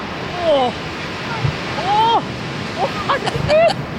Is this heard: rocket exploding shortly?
no